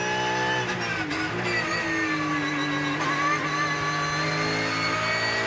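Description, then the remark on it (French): A powerful 500-horsepower car engine roars loudly and continuously under acceleration near the end of a climb, its dense harmonic whine shifting slightly in pitch as it pulls, with no voices over it. “Et les 500 chevaux qui vous collent dans le siège.”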